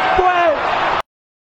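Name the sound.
player shouting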